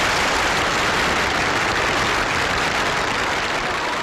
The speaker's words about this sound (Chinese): 台下一片热烈的掌声。